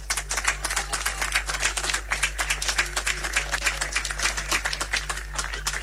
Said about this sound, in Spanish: Aplauso entonces a los anderos y a las camareras que este año también han querido pasar a saludar a la Virgen del Carmen, su patrona, y quien es la que a ellos los mueve también como agrupación. Así que démosles un fuerte aplauso.